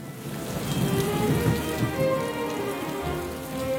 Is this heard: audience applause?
no